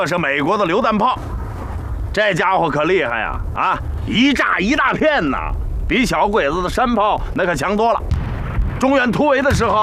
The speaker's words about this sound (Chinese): 这是美国的榴弹炮，这家伙可厉害呀！啊，一炸一大片呐，比小鬼子的山炮那可强多了。